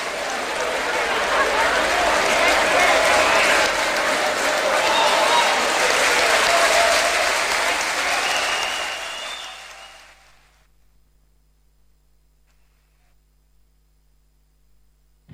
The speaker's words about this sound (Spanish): Gracias por ese aplauso, no sean tímidos.